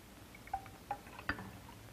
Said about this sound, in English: Now let's see if we can balance it with water. We can put in a volume of water. It doesn't balance. We'll put in 10 volumes of water, and it still does not balance.